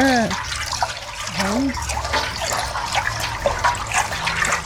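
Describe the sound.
Water swishes and splashes steadily as dye is stirred into water in a pot so it does not clump, a continuous watery churning with a few brief voice sounds over it.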